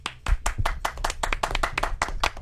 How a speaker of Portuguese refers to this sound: Ô, parabéns. Não. Uma salva de palmas.